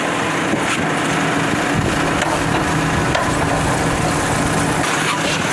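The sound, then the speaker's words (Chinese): A vehicle engine runs loudly and steadily, mixed with dense mechanical rattling and creaking as a newly produced Chinese-made off-road vehicle strains through a differential lock test at a car company in Laixi, Shandong, China; no voices. “这是山东莱西一家汽车企业正在对刚下线的这款国产越野车进行车辆差速锁实验测试。”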